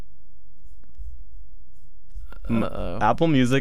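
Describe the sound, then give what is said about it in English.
Soft, scratchy rubbing on a laptop touchpad with a few faint clicks while opening Apple Music, quiet, before a voice starts speaking over the last second. “You can hear the the touchpad shuffling.”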